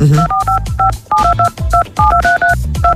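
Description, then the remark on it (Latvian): A radio contest signal of quick, loud beeping tones, each beep a two-pitch keypad-style chirp, firing in an uneven rapid rhythm over a low thumping backing. “Jā, bet no konkursa signāla tad atskņošanas.”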